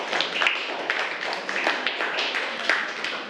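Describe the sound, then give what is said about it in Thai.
A group of students in a class clapping their hands together for one group in a dense, steady patter of overlapping claps, moderately loud and sustained for a few seconds with no one speaking. “ปรบมือให้กลุ่มนี้ก่อน”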